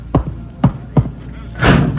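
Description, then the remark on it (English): A door being bolted shut: three heavy, evenly spaced wooden thuds, then a louder, longer rasping scrape and clack as the bolt slides home. “Why do you bolt the door?”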